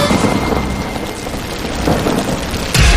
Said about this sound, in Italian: Piove. Senti come piove. Madonna come piove. Senti come viene giù.